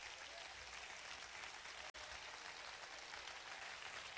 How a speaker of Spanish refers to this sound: Vamos, que se escuche el mejor aplauso. El mejor aplauso de la historia.